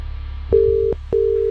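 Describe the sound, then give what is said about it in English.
A telephone ringing tone on the line as a call is placed to a prize contest entrant: two steady, mid-pitched electronic beeps, each under half a second, separated by a short pause, with faint low hum underneath and no talking. “Who are we ringing?”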